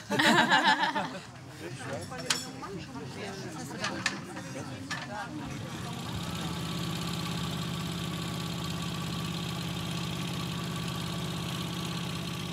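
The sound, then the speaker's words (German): A boat engine idles with a steady, low rumbling drone that holds even for the last half, after a busier opening of clunks and murmuring voices, as the boat heads toward the island of Ziegelwerder. “Das Boot ist noch dasselbe, aber die Ausrüstung hat er gewechselt.”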